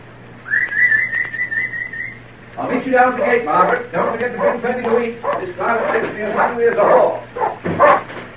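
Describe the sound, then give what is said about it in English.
A sharp whistle sounds first as the dogs are called, then dogs bark in a rapid, overlapping flurry of yaps and woofs that goes on for several seconds. “Call the dogs”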